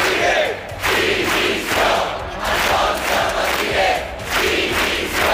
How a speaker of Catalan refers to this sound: Són alguns dels crits que s'han sentit aquest migdia en contra de les càrregues policials que hi va haver en la manifestació de diumenge contra el turisme massiu. Els manifestants han demanat la dimissió del delegat del govern espanyol a les Illes.